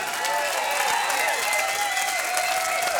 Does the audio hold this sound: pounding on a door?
no